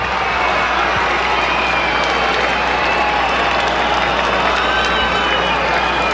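A large baseball crowd on its feet roars steadily with applause and cheering throughout as the Angels are down to their last strike against the Cardinals in the ninth inning, a dense, continuous wash of noise filling the stadium with no breaks.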